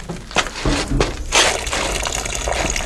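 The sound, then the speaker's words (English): Gasoline pours steadily from a leaking car tank, a continuous splashing gush spilling onto sand and dirt, with a few louder surges early on. “Our gasoline. Yes, it's pouring right into the sand and dirt.”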